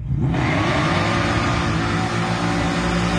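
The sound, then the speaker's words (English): A twin-supercharged race car engine, a 632-cubic-inch Steve Morris motor with two ProChargers on a 93-octane tune making 1,418 horsepower, is revved hard. It roars loudly and steadily, holding a high rev with a dense, harmonic-rich growl and a faint whine on top, with no voices. “Now, this is a whole video, so I just have some clips for you, but you can hear him, first of all, ripping it,”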